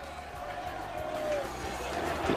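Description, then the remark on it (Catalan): A large crowd of Levante football fans cheers and chants in a steady, continuous roar, giving an ovation as the team's players arrive on foot from their parked bus, a dense wash of many voices lasting a couple of seconds without letting up. “moltíssima gran ovació també per Arriaga, l'hondureny, canta l'afició del Llevant”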